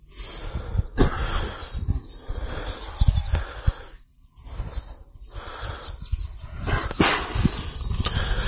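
A man breathes heavily and raggedly, loud rasping inhales and exhales coming in uneven bursts with short pauses, over rough rustling noise and no speech.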